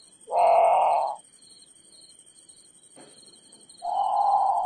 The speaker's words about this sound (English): Okay, so that's the grand patou. It sounds a lot. It's haunting. It sounds a lot like a very scared bird calling for a parent, in the middle of the night.